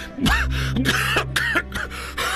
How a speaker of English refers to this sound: Excuse me. Will he be all right? Oh, yes. It is just a coughing spell, my dear. Perfectly understandable.